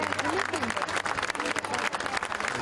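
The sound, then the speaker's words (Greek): Steady, dense applause from a crowd at the funeral of Greek star Maro Kontou, a final applause for her; many hands clapping continuously at an even loudness, with faint voices murmuring underneath. “Σήμερα το τελευταίο χειροκρότημα συνόδευσε μια σπουδαία κυρία του ελληνικού πολιτισμού.”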